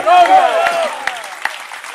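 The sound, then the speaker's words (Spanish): A church audience applauds in honour of the Lord's name amid sustained voices and cheering, then the clapping thins out to a few scattered, sharp claps as it fades. “Dele fuerte ese aplauso a su nombre.”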